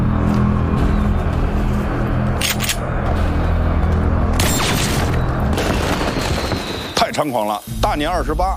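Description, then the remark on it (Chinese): Muffled gunshots boom a few times during a gunfight in a corridor in a film, dull and sudden against a dense, chaotic background, with a voice crying out near the end. “导演在这段采用了半纪实性的拍摄手法，枪声是那种沉闷且突兀的，尤其是在走廊里的激战，镜头模拟的是第一视角的混乱感和窒息感。”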